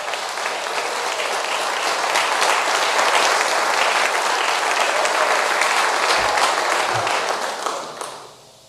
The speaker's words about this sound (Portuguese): Palmas para Jesus.